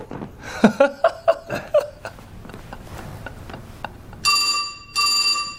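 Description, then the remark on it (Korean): A telephone rings in two loud, buzzy electronic bursts near the end, following a stretch of soft chuckling laughter and quiet background murmur. “정무택이 얼른 전화기를 돌아본다. 당에서 온 전화일 것 같은데”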